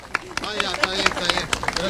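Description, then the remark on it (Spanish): Steady audience applause for a performance of rondas del recuerdo by second-, third- and fourth-year students of Escuela Básica Valle del Choapa, a dense patter of many hands clapping at once, with voices talking and calling out over it throughout. “Fuerte el aplauso una vez más de todos los presentes.”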